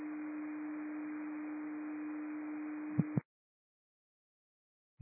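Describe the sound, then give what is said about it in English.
A steady, low-pitched radio dispatch alert tone for station 1750 holds for about three seconds over faint static hiss, then two quick clicks before it cuts off, followed by silence and one more brief click. “Portal 17 receives tones in route to station 1750.”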